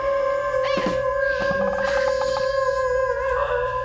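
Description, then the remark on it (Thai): A person's voice imitates a dog howling, holding a long, steady, wavering tone, fairly loud for nearly four seconds, with a few choppy pulses in the middle. “ผมไปจ้างหมาตัวจริงมาแทนเลยนะ ไม่ต้องจ้างไม่ต้องจ้างพี่หอนเหมือนกว่า”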